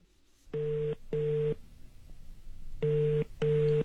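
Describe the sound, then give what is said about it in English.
A phone call ringing out over a loudspeaker: two pairs of steady electronic ring tones, each pair a quick double burst, with a short quiet gap between pairs and faint room noise underneath. “Oh, pass my phone, please. Thanks. Let's see here. Fancy phone. Okay, I got it on loudspeaker.”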